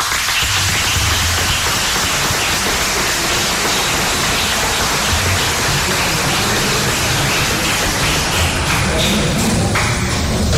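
An audience breaks into loud, sustained applause to welcome a guest, a dense wash of many hands clapping that holds steady for about ten seconds with no voices over it.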